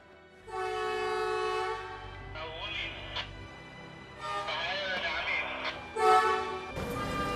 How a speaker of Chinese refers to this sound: 工作人员按照标准流程操控国产大型换轨车，将旧轨移出，新轨入槽。